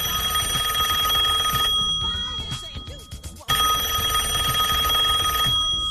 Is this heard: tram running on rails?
no